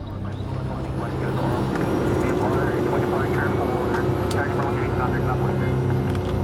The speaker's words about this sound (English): An hour after takeoff, our small Cessna plane approaches Scarborough Shoal, a triangle-shaped chain of reefs and rocks around a sheltered lagoon.